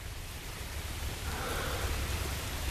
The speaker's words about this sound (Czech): Ke všemu začíná pršet.